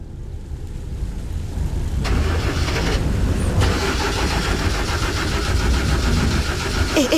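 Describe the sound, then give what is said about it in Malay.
A car engine cranks and sputters, struggling to catch and stalling rather than settling into a steady idle, on a dark road through forest with no houses or lights around, though the car still has fuel. The rough mechanical noise is loud, with no voices. “Kenapa pula enjin ni? Alah, janganlah buat hal kat sini.”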